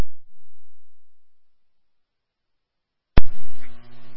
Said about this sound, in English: Sir, did you set our tones off? My pager just went off, but I ain't got nothing else. Regard on that, there was an accidental misfire on it. You did not have a run.